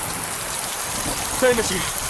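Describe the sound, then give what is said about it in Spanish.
Heavy rain pours in a dense, steady hiss throughout a severe storm that envelops a whole planet, with a brief voice-like sound rising faintly about halfway through. “No van a lograr escucharlos con la tormenta.”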